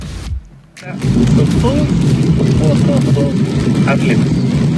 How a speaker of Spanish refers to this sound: Se escucha ahí su vehículo, cómo va.